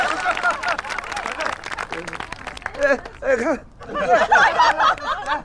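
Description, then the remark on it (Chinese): A family group gathered for a toast claps in a quick, dense patter after the father and mother have spoken, while several voices talk and chuckle over it; the clapping thins out as the chatter and laughter carry on. “哎，行，哎呀，你看这爹也发话了，这老妈也说了，掌声都起来了。”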